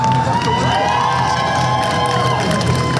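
A crowd of dozens gathered outside the Nasdaq offices in New York for SpaceX's stock market listing cheers and whoops over steady, dense clapping, with high shouts and whistles rising above a continuous loud roar for the full three seconds.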